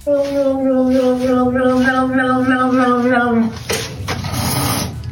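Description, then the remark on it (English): A cat lets out a long, steady, wavering yowl for several seconds, then breaks into a loud, breathy hiss that rasps for over a second, at a pair of slippers with little cat faces on them. “That's hissing.”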